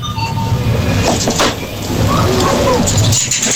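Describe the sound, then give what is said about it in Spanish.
Faint metallic clinks and clicks from a coin-operated food and soft-drink vending machine as a product is selected, like coins dropping, sound over a steady mechanical hum and background noise, with a brief cluster near the end. “Cuando seleccionas el producto, ¿no? Y aquí se oye monedas.”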